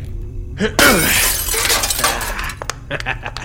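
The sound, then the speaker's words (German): A locked white medicine cabinet's milky glass door is smashed with an elbow: a sharp smash of breaking glass, followed by a bright cascade of shards tinkling and scattering for a couple of seconds, then a few last clinks as pieces settle. “Mein Ellenbogen ist besser als jeder Dietrich.”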